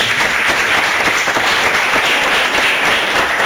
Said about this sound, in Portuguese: Palmas para Nossa Senhora.